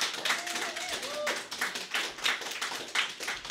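An audience applauds with steady, dense clapping that holds throughout, with a brief high-pitched cheer or whoop rising above the crowd early on, welcoming a reader at the Real Life Revised reading event.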